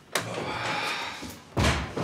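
A door swings with a rushing scrape, then slams shut with a loud, heavy thud, followed by a short rattle. No one speaks.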